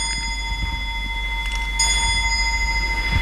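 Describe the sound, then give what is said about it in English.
An antique clock about 200 years old, at the Woods Hole Public Library, chimes, its bell-like tones ringing and lingering, with a couple of fresh strikes partway through over a low, steady background hum. No one speaks. “Yes, the clock is about 200 years old.”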